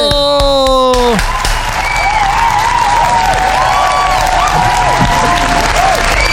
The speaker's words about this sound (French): Ça mérite un tonnerre d'applaudissements, oh, s'il vous plaît.